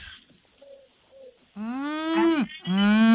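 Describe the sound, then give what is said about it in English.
A person attempts a crow call but produces a low, drawn-out, moo-like bellow: two loud, sustained voiced calls following a quiet opening. “That's a cow.”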